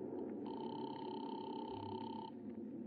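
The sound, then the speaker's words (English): A telephone rings on the line as a caller rings number 136 through an operator: one steady, buzzing tone lasting about two seconds, then stopping, heard over a low, noisy hum with no talking. “I'll ring him. Oh, operator, hurry, will you? I'm ringing.”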